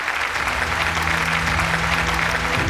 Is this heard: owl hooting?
no